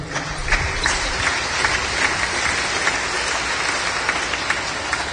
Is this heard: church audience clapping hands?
yes